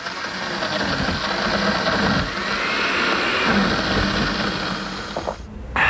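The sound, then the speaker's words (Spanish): A blender whirs steadily at full power, grinding and churning a thick icy Café 1820 Frozen Cappuccino made with ice and water, with a dense, buzzing roar that cuts off abruptly near the end. “Escucha eso, no es cualquier café. Es Frozen Cappuccino de Café 1820.”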